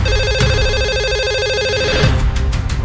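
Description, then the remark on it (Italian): A telephone rings for an incoming call with a steady, warbling electronic trill that runs almost the whole time, fairly loud, with a few sharp clicks breaking in toward the end. “Abbiamo un'altra telefonata, pronto?”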